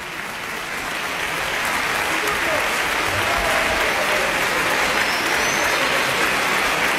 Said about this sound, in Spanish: todo obviamente con dirección del maestro Martin Etienne Lebel, que recibe y reparte los aplausos del público reunido el día de hoy en la sala de conciertos del Centro Cultural Tlacná.